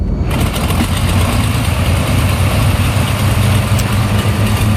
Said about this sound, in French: L'avion de Julouville nous amène à Cherbourg.